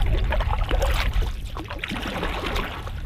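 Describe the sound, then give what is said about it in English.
Water sloshes and trickles steadily around a canoe hull, with soft paddle splashes and gurgles, as the canoe snakes through a river under 2 meters wide in parts on a sunny late-spring morning. “On a beautiful, sunny morning in late spring, I find myself in the stern of a canoe, snaking through a river not 2 meters wide in parts.”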